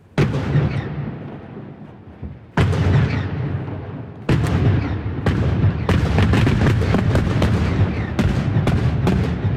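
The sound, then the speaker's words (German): Rock blasting at a rock face above Lake Uri (Urnersee) on the Axen between the cantons of Uri and Schwyz, this morning's construction start of the Murschacher tunnel for the new Axenstrasse: three heavy booms with long rumbling decays, then a rapid, irregular string of sharper bangs over a continuous roar. No one speaks. “So tönt es heute Vormittag an einem Felsen über dem Urnersee, am Achsen zwischen den Kantonen Uri und Schweiz.”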